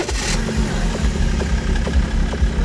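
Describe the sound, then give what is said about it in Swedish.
The small car engine of an A-tractor runs steadily at low revs, a continuous throbbing rumble with a faint rhythmic pulse, heard alone without any voices. “Och allt fler A-traktorer rullar på svenska vägar.”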